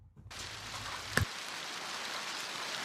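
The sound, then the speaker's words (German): A dense, steady hiss of hail pelting down during a hailstorm over Bülach in the canton of Zurich, Switzerland, shortly after 10 a.m., with one sharp impact knock partway through and no voices. “Es ist kurz nach 10 Uhr, als der Hagelsturm über Bülach zieht.”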